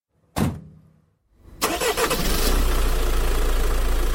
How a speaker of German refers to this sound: Als der Motor des Jeeps in der Ferne verklungen war